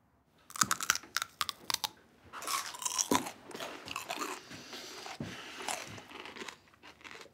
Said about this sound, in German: Die Geräusche, die sie beim Kauen machen, kenne ich nur aus dem Zoo. Oh, bin ich zu laut? Ich höre es in meinem Büro. Entschuldigung.